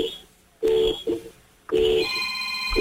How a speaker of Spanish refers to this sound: Hermano, te voy a pedir un favor, prepara tu bocina, asoma el celular por la ventana para que se escuche. Quiero cuatro bocinazos medianos ahora.